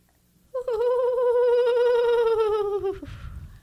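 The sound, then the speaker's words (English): A voice imitates an owl call with one long, steady hoot, mid-pitched with a slight waver, held for about two and a half seconds before cutting off into a brief breathy rustle. “So, because you may have heard this at night, you know, when the owls come out because they're nocturnal, you might have heard the sound and it's really wonderful. It goes like this.”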